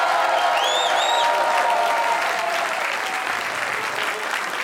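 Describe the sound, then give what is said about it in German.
Sustained applause from hundreds of people in a festival tent in front of the Radio Niederösterreich broadcasting house in St. Pölten at a folk music night, a dense steady wash of clapping lasting several seconds, with a few faint whistles near the start. “Ja, Sie hören es und Sie sehen es, meine Damen und Herren. Hunderte Menschen hier bei uns im Festzelt vorm Funkhaus und die freuen sich schon auf 3 Stunden Tradition, Volkskultur und natürlich Volksmusik, wie der Name schon sagt.”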